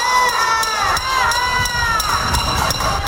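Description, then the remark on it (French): Pots and pans being banged by Havana residents protesting power cuts in Cuba: loud, irregular metallic clangs with a ringing, high-pitched resonance over a constant roar of voices and shouting. “Les résidents de La Havane manifestent en tapant sur des casseroles en raison des coupures de courant.”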